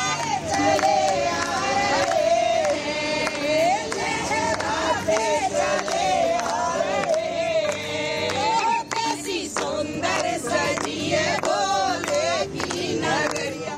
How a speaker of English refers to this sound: With chants of Bam Bam Bhole echoing through Jammu, thousands of devotees have begun arriving ahead of the annual Sri Amarnath Ji Yatra, which begins on July 3rd.